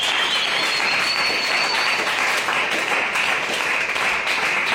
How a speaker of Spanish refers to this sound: Y este programa fue, tiempo con Jesús. Gloria a Dios, un aplauso.